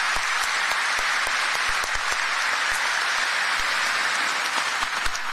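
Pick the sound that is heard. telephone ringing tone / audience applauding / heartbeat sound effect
audience applauding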